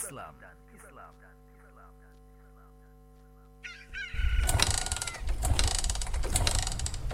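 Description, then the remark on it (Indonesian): A motorbike engine being warmed up in the morning: a steady low idle hum with birds chirping over it, then after about four seconds a loud, rough roar as the engine revs hard. “Pagi-pagi gini udah manasin motor.”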